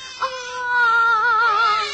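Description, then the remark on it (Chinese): A baby left at someone's doorstep cries in one long, wavering wail that starts with a brief sharp catch, then holds steady and loud for about two seconds, with no talking over it. “宝宝不哭啊。”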